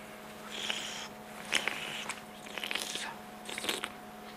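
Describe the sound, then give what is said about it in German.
Quiet chewing of a small olive from Nice, tasted at the Alziari olive shop in Nice: a few soft, moist crunching bites spaced about a second apart, with a faint steady hum in the background and no talking. “Kauen und durch die Nase einatmen, um alle Aromen zu entfalten.”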